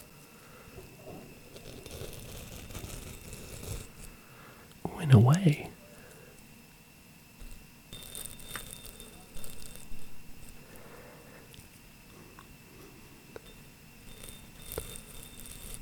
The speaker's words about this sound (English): I'm going to try rubbing it on the other microphone without the pop filler on and see if that makes a nice sound.